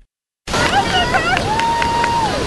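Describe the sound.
A small crowd cheers and whoops over a steady rush of surf at Santa Claus Beach near Carpinteria as a woman rides a surfboard for the first time, with one long rising-and-held shout standing out. The sound starts abruptly after a short silence.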